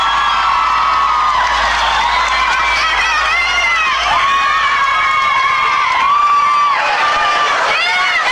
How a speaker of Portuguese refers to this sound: Uma salva de palmas para o melhor guitarrista desse Brasil